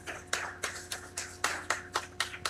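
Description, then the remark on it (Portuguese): Hands clap in a steady, even rhythm as applause for sponsors, about nine sharp claps over a couple of seconds, moderately loud, with a faint constant hum underneath and no talking. “Nós queremos agradecer a todos os nossos patrocinadores, uma salva de palmas a todos eles.”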